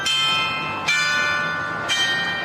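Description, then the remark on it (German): A mechanical town hall carillon plays the wedding march, bright bell tones struck one after another with long ringing overtones, each strike blending into the last at a steady pace. “Das Glockenspiel des Rathauses, auch ein mechanisches Wunderwerk, lässt zu unserem Abschied passend den Hochzeitsmarsch erklingen.”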